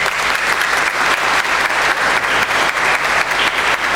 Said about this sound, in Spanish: Muchas gracias a ustedes y un fuerte aplauso.